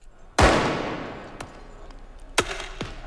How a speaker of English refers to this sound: People in masks lobbed fireworks at officers who shot back with tear gas canisters.